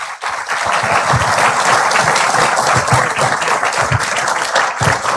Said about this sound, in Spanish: Invitamos ahora al señor presidente de la República a dirigir su mensaje al país y a la provincia del Oro. Recibámoslo con fuertes aplausos.